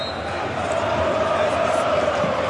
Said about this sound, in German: weil hier wird gejubelt im Jahnstadion. Über 4000 Cottbusser sind jetzt auf dem Rasen. Im Einklang gemeinsam mit dem Präsidenten jubeln sie und umarmen sich alle gemeinsam.